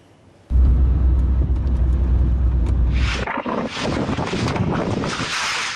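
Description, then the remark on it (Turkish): A sandstorm's strong wind in Aksaray, on the Aksaray-Konya highway, roars and buffets the microphone with a deep low rumble, then shifts into harsher, hissing gusts full of rattling, crackling bursts. “Aksaray'da kum fırtınası etkili oldu.”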